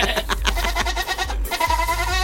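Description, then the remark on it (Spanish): A goat bleating sound effect: a series of wavering, nasal cries, the last one rising into a long, trembling, high-pitched bleat. Loud and continuous, with no talking. “Dice, ahorita pones el sonido del chivo, sí.”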